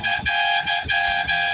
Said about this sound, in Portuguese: Tá vendo? A gente buzina. A gente buzina. Vocês estão entendendo como é que funciona a situação aqui, gente?